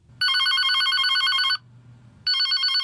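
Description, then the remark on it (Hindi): A telephone at a bank rings loudly in two bursts of rapid electronic trilling, separated by a short pause, with a faint low hum underneath and no talking. “कहीं का आजा फोन।”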